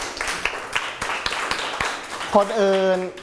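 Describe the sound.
A small classroom group claps for a student's answer in a brief, uneven burst of sharp hand claps for about two seconds, then a voice starts speaking as the clapping stops.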